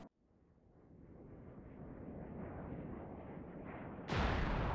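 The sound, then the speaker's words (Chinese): A dense, rumbling roar swells steadily, like a warplane's engine under heavy firing, as a fighter plane fires its cannon at an enemy aircraft, then a sudden, loud explosive blast bursts in near the end and keeps thundering as the enemy plane is shot down. No voices. “撵上了我就开炮，接近了我就开炮，又打下来了一架。”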